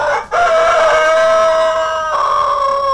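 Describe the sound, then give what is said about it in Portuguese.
A rooster named Caboclo crows loudly, one long drawn-out call with a brief catch at the start and a rising, strained final note, with no voices. “Galo Caboclo canta firme.”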